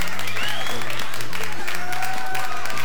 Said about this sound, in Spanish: Bien, también, y por supuesto, brindamos un fuerte aplauso a nuestra compañerita de todas las mañanas, de batalla, como yo digo, la ama de casa, la reina del hogar.